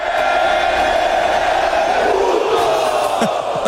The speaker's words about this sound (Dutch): Want dat puto, dat heeft Mexico al heel wat geld gekost. Want dat roepen ze in het stadion dus ook als de keeper van de tegenstander de bal uittrapt. Puto! Ja, en dat mag dus niet van de FIFA.